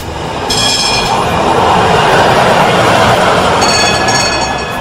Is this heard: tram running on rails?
yes